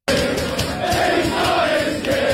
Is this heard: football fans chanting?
yes